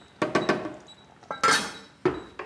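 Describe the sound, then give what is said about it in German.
A metal lid clatters onto a cooking pot of browned meat cubes and their juices for an aubergine curry, set to simmer gently: several sharp clanks and rattles over about two seconds, with a bright ringing clang in the middle as it settles, no voices. “Wir machen den Deckel drauf und lassen es jetzt auf jeden Fall mal eine halbe Stunde leise schmurgeln.”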